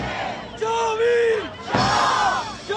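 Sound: protesting crowd shouting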